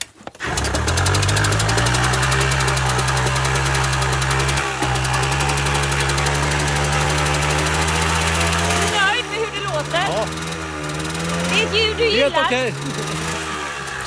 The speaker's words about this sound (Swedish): Vilken är det som ska få komma igång? Hur gammal var den? Nu är det Monark på mopeden från 1959. Ja, men då lyssnar vi väl till dess startljud då